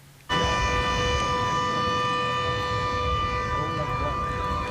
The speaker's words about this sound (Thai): เสียงสัญญาณเตือนภัยดังด้านบริเวณหาดคูจีซึ่งเป็นชายหาดยอดนิยมทางตะวันออกของนครซิดนีย์ขณะที่ผู้คนบนฝั่งต่างพากันมองออกไปที่ทะเลค่ะ